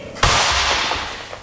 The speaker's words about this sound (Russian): Ой, кто-то выстрелил.